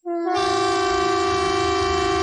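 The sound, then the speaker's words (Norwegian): A loud, sustained civil defence typhon siren blares steadily during a police and civil defence test of the warning system on 10 June at 12 o'clock, with a rich, harmonic tone and a low rumble beneath, starting abruptly and holding at full strength with no voices. “Og tyfonene.”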